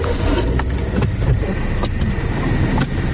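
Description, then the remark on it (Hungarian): Steady, dense traffic noise on a busy road between a park and the city centre, a continuous low rumble with occasional brief swishes of cars going by, no talking. “Na akkor nézzük, ez egy forgalmas út itt, itt rögtön a park és a belváros között.”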